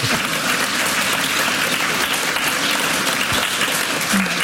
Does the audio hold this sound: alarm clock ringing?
no